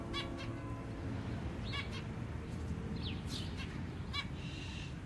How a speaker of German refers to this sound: Im Sommer kaufte er mir ein Zebrafinkenpärchen. Den Käfig hingen wir im Hinterhof an dem Balkon, wo die Vögel mit den anderen Käfigbewohnern der Nachbarn kommunizierten. Wir stehen auf dem Balkon und hören ihrem munteren Gezwitscher zu.